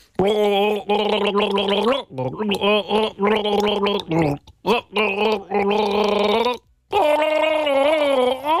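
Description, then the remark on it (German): Someone gargles out the melody of a one-hit-wonder pop song, the bubbling, wet voice rising and falling in pitch through continuous sung phrases with brief pauses, loud and steady for several seconds. “Ich google Ihnen ein One-Hit-Wonder vor und Sie versuchen mal rauszufinden, um welchen Hit es sich dabei handelt.”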